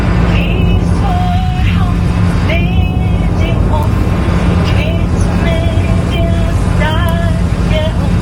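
A woman sings a slow, solemn anthem, her high sustained notes rising and falling over the steady, loud roar of an airplane cabin's engines.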